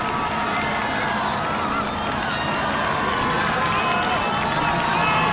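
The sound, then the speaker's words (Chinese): A steady, dense roar of spectators cheering from the home grandstand during a team race, continuous and fairly loud throughout with no breaks or distinct voices standing out. “越接近主场看台啊，就能够听到现场观众的欢呼声越大。”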